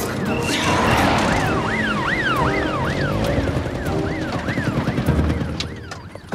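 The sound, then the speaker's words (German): A police car siren wails in rapid rising-and-falling sweeps, loud at first, then fading slightly as the police car drives past amid heavy traffic rumble. “Außerdem rangiere ich doch jetzt hier nicht rum, wenn die Polizei mit Sirenen hinter uns ist.”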